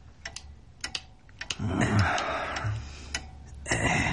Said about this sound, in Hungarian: Lizsé egy öngyújtót javítgat.